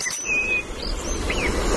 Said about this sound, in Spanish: Petirrojo europeo.